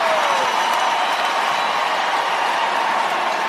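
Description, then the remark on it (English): A large arena crowd at an ice hockey game roars and applauds as 49ers player George Kittle takes a big swig of beer wearing a Nashville Predators jersey, a dense, steady wash of cheering that stays loud and unbroken throughout, with no clear voices standing out. “Crowd reacting a moment ago to George Kittle, 49ers player, taking a big swig of beer wearing a Nashville Predators jersey.”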